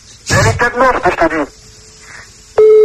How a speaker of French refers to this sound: Ah oui, là, oui, pour arriver 15 sonneries, c'est qu'elle est partie en vacances, là.